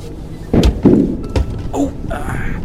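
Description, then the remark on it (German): A car with all-wheel drive, bumping up a footpath, runs over caltrops strewn on the path, getting two flat tyres: two loud, heavy thuds in quick succession, then a sharper knock, a brief creak and a steady low rumble underneath. “Ich glaube, ich bin irgendwo drüber gefahren.”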